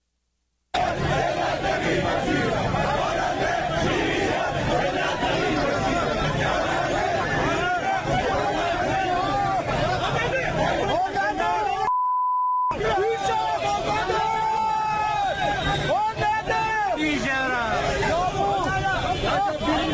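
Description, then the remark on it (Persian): A large crowd of protesters shouts and chants in a dense, continuous roar of overlapping voices, broken by a brief silence with a single steady beep before the clamor resumes. Second day of protests by people who lost money in heavy-vehicle import cases, held Monday outside the Ministry of Industry, Mine and Trade building in Tehran, Iran. “از دومین روز تجمعات اعتراضی مال باختگان پرونده های واردات خودروهای سنگین حکایت میکند.”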